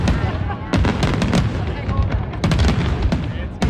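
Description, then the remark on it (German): A big fireworks display over a lake bursts in a rapid, overlapping barrage of sharp cracks and deep booms over a continuous rumbling roar, staying loud throughout with dense clusters of crackling bangs; set off 2.5 hours late after a heavy thunderstorm, in the best conditions. “Das grosse Feuerwerk über dem See hat dann 2,5 Stunden später aber können stattfinden, bei besten Bedingungen.”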